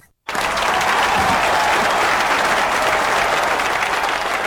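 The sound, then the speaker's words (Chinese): After a split second of silence, loud, dense applause bursts in and holds steady to the end, with many hands clapping together in a continuous wash of sound and no voices. “掌声一响”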